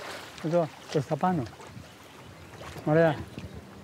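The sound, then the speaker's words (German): A fishing boat moves across the water, pulling a fishing line far out during a test, with a steady, low mechanical drone and rushing noise underneath, while a few brief voiced sounds rise over it. “Und dann zieht das Boot die Sehne weit raus.”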